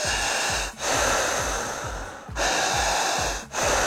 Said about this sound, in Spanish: Al respirar habrá dos reglas. Regla número uno, no podemos cortar la respiración. No podemos hacer esto.